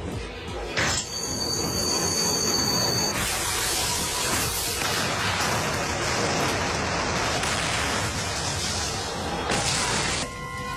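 A long train with an iron engine in the middle, pulling a large oil tank car behind, rolls past with a loud continuous rumble and clatter of wheels on track, a high metallic squeal ringing out during the first few seconds.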